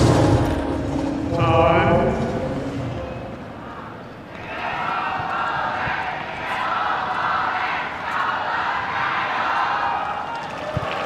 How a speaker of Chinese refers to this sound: 现场确实有非常多的观众啊，在给德约科维奇加油，大家都期待着啊，能够亲眼见证德约科维奇中网的七连冠。